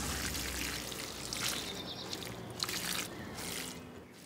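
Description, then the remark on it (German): Water pours steadily with a broad splashing hiss from the holes in the bottom of a clay watering jug as the thumb is lifted from its top, continuous for a few seconds with slight surges in the flow and no one speaking. “Sie tauchen dann ins Wasser, lassen den volllaufen. Dann legt man den Daumen oben drauf.”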